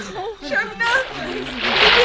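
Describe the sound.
Excited voices call out, then a loud, rushing splash swells up near the end as a man jumps into lake water.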